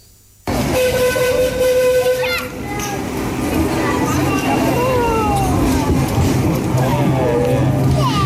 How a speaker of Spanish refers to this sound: Es el sonido del tren de Sóller.